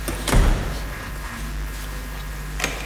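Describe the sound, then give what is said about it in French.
The heavy door of an airlock leading to an animal housing facility unlatches with a solid low thud near the start, then a steady low hum continues until a sharper click sounds near the end. “C'est un premier sas où là il y a une porte pour accès à l'animalerie, donc là où les animaux sont logés.”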